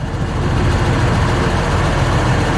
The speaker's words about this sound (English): You know, we don't always have the funding to go out and purchase platforms like this, something that's unique, a methane or natural gas fueled tractor. It's just really incredible for our program.